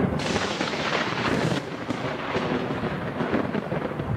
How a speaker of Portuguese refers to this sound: Um relatório de um dos satélites da NASA mostra intensa atividade de raios e trovões. Foram mais de 19 mil relâmpagos registrados em um raio de 100 quilômetros das fronteiras Brasil, Paraguai e Argentina.